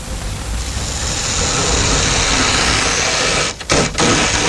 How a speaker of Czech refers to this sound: Na druhou kolej přijel osobní vlak z Vizovic, opakuji. Na druhou kolej přijel osobní vlak z Vizovic. No, tak já myslím, že vlak z Vizovic snad úspěšně přivezl všechny účastníky letošního Masters of Rock.